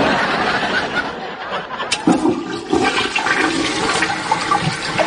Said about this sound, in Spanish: Ya está. Tiremos de la cadena.